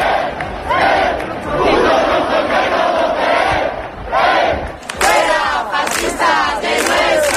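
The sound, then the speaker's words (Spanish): A loud, agitated crowd in a tense confrontation between protest campers and a group of far-right provocateurs with Spanish flags and Francoist symbols at the Puerta del Sol, many voices shouting and chanting over one another in a continuous roar, with sharper rising yells breaking through toward the end. “Sonido de esta tarde en la Puerta del Sol, donde hemos visto momentos de tensión y enfrentamientos entre los acampados y un grupo de provocadores ultra con banderas de España y simbología franquista.”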